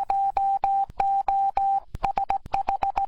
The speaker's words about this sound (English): Did you know that the first use of radio was to send Morse code? To celebrate that, here's a message in Morse code.